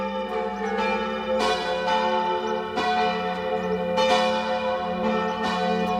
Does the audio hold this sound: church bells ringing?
yes